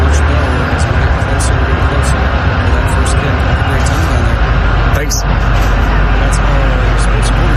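A large crowd of USA fans chanting outside Seattle Stadium, heard in the background from a media center across the parking lot, a loud, dense wash of many voices that holds steady for the whole stretch with no single speaker standing out.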